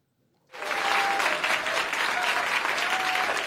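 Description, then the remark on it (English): Applause for UK Prime Minister Keir Starmer breaks out suddenly from an audience after a brief moment of quiet, then holds as a steady, dense wash of clapping. “Despite the applause, many in the Labour Party blame Prime Minister Keir Starmer for its local election losses last week.”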